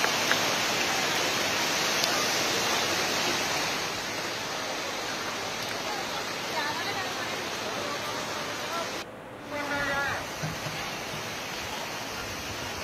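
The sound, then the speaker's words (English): Floodwater of the Kosi River at Ramnagar in Nainital district, swollen by relentless rainfall, rushes loudly and steadily, a dense roar that barely changes throughout, with only a momentary dip and a faint voice-like sound near the end. “Due to relentless rainfall, water level in the Kosi River has risen sharply.”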